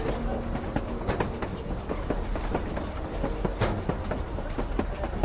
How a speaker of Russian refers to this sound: Но вот и одинокая знакомая станция среди пустынных полей. Тихо-тихо в полях после грохота поезда.